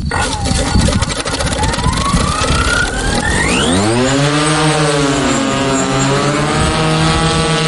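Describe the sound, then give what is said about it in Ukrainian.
A Ukrainian long-range reconnaissance drone's small engine spins up with a rising whine, then settles into a loud, steady buzzing hum with strong harmonics, running continuously as it circles over the occupied Kinburn Peninsula. “командир екіпажу і пілот українського далекосяжного дрона, над тимчасово загарбаним Кінбурнським півостровом кружляють українські розвідувальні борти.”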